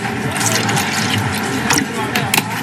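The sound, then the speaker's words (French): Pineapple juice pours steadily into a glass while making a non-alcoholic piña colada, a continuous gurgling stream lasting a few seconds, with a voice faintly audible underneath. “Un peu de jus d'ananas.”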